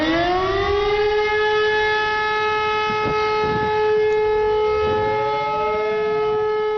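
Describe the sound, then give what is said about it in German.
A civil defense siren sounds the one-minute all-clear signal, a single steady, unwavering tone whose pitch stays the same, loud and continuous throughout with rich harmonics, with no voices. “Entwarnungston, das ist auch wieder ein einminütiger Ton, aber das ist ein Dauerton. Die Tonlage bleibt gleich.”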